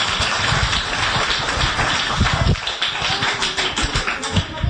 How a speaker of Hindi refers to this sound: बहुत बहुत बहुत धन्यवाद तालियों का साथ।